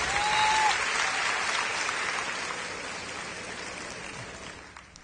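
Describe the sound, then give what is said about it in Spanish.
Sustained applause from a crowd applauding the Lord in a worship setting, a dense wash of clapping that holds steady and slowly fades toward the end, with a brief whistle near the start. “aplauso al Señor, al Rey de Reyes.”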